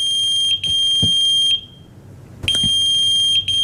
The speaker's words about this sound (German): Was ist das? Das ist ein Pager.